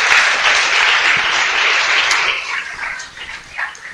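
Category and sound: crowd, audience applauding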